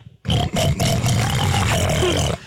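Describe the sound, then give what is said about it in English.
A person imitates a pig with a loud, continuous grunting oink lasting about two seconds, rough and snorting, with no talking during it. “go ahead and ask … what animal sound you want him to make. A pig.”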